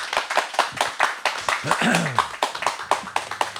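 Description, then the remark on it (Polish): A small audience at a Radio Łódź event claps steadily for a few seconds to welcome a guest, dense crisp hand claps, with a brief voice rising through the middle of the applause. “a ja poproszę zgromadzonych Państwa o brawa dla naszego gościa.”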